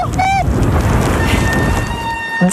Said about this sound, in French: Ah, le joli son des freins.